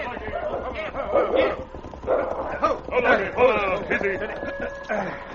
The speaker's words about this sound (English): Look, that one there. It's a dog. It's Nipper. Nipper, eh? Limping a little.